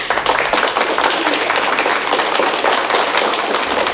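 Steady applause from a group for a studio guest and his clarinet in the Radio Teddy studio, many dense overlapping claps forming a loud, continuous bright crackle that holds at an even level throughout without any speech.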